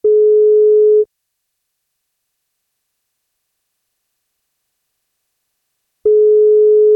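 A steady telephone ringback tone sounds twice as a call is placed to a woman celebrating her 41st birthday, each pulse lasting about a second with a long silent pause between, clear and loud, with no voices.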